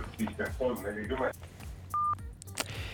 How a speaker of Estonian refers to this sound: Nii, jälle katkes kõne ära.